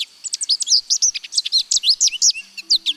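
Birds chirp in a rapid, continuous run of high-pitched tweets and trills, loud and busy throughout, with a faint low hum creeping in near the end.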